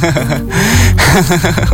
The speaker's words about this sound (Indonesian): Bentar ya, aku ngambil napas dulu deh.